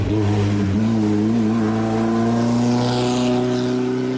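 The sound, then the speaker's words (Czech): The engine of a Škoda 120 rally car, the competition version with a 1.3-litre, 120 hp engine, revs loudly and continuously, its pitch climbing steadily as it accelerates, with no voices. “Šlo o sportovní a soutěžní vůz, ze kterého později vzešla slavná Škoda 130 RS.”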